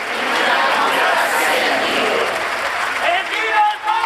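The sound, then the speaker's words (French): A large crowd applauds steadily at the end of a papal mass celebrated by Pope Leo XIV in Pompeii, a dense, hissing wash of clapping that holds at an even loudness throughout, with a faint murmur of voices mixed into the ovation. “Allez en paix, nous rendons grâce à Dieu et vive le pape, avons-nous entendu les applaudissements, le sourire de Léon XIV au terme de cette célébration”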